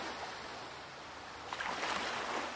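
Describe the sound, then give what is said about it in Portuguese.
Steady ocean waves wash in toward a beach as a continuous hiss, with a fuller surge building and breaking partway through. No voices, just the rolling surf. “As ondas a chegar. A enrolar.”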